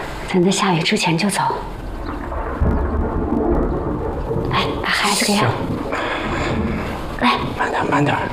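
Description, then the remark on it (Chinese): A deep, low rumble of thunder rolls continuously through the scene during a thunder and lightning storm before rain, heavy and sustained, with people talking over it and a faint patter that could be rain. “俺看外面现在打雷打闪的，恐怕要下雨了。”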